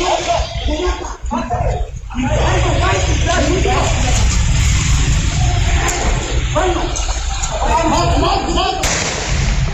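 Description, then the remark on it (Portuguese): A sharp gunshot, fired by a criminal in a street and hitting a municipal civil guard in the neck, cracks through harsh, distorted security-camera audio, standing out against a constant noisy hiss while muffled voices are heard indistinctly in the background. “Bom, tá então o momento do disparo que atingiu o pescoço do guarda civil”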